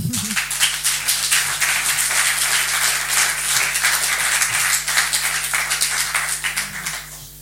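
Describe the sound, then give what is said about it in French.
An audience applauds steadily for several seconds, a dense wash of many hands clapping at once, fairly loud and even throughout before thinning out slightly at the very end. “Merci de l'applaudir.”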